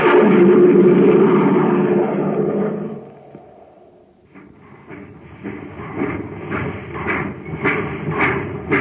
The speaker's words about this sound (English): Do you hear that, gang? That's the Terra Express train trying to get up speed on ordinary fuel. Not very speedy, is it?